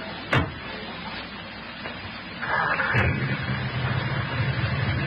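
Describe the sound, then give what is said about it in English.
An old jalopy's engine starts after a couple of sharp clunks, then settles into a steady, low, rumbling idle that continues to the end, with no one talking. “That engine sounds nice, doesn't it?”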